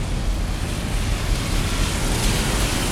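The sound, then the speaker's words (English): Rain falling in London: a dense, unbroken hiss spread across the whole range, with a low rumbling undertone and no voices, holding an even loudness throughout. “And yeah, after weeks and weeks of historic dry summer, the rain is falling now.”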